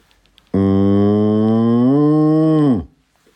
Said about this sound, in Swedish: Och sen lugn ko då, eller? Ja, precis.